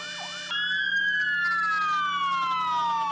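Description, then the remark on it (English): Fire truck sirens wail loudly and continuously across the country for one minute at 3:25 p.m., a quick rising whoop giving way to a long tone that slowly falls in pitch, while fire trucks run their lights and sirens, with no voices. “In memory of the Kornati firefighters, fire department sirens sounded across the country for 1 minute at 3:25 p.m., while fire trucks activated their lights and sirens, as they do every year on this day, to honor their fallen colleagues.”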